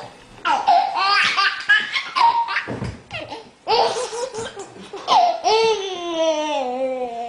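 A baby laughs in bursts of high, breathy giggles, breaking off briefly before starting up again, loud, ending in a long squealing laugh.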